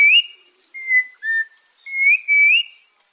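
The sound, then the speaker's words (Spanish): A mountain troupial's song from the Colombian Bird Sound Bank, compiled by the Humboldt Institute and Cornell University: a series of clear, whistled phrases, some rising and sliding, with short pauses between them, over a faint steady high hiss and no talking. “El trino del turpial montañero forma parte del Banco de Sonidos de Aves Colombianas, recopilado por el Instituto von Humboldt y la Universidad de Cornell.”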